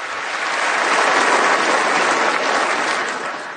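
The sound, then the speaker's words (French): A large crowd applauds steadily in a legislative chamber, dense, fairly loud clapping that holds for a few seconds and tapers slightly at the end, with no voices over it. “Ouais, il parlait des démocrates, des démocrates qui sont des crazy people, donc parce qu'ils applaudissent pas cette fiction d'enfants arrachés des bras de leurs parents”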